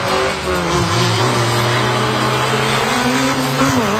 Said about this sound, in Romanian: Tinerii piloți au transformat orașul într-un adevărat circuit al adrenalinei. Motoarele au răsunat încă de dimineață, iar fiecare viraj a venit la pachet cu multe emoții.